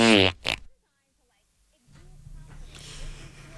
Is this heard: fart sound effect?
yes